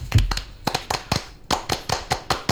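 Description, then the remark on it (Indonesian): Sharp hand claps in the Pramuka scout clap (Tepuk Pramuka) rhythm: a quick flurry, a run of faster beats, then an even, steady series of claps. No one speaks. “Pramuka. Tepuk Pramuka.”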